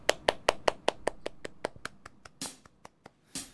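Steady, evenly spaced hand claps, about a dozen sharp smacks in quick succession, fading slightly, followed by a couple of brief noisy bursts of scattered applause, welcoming a live song performance on CPBC radio.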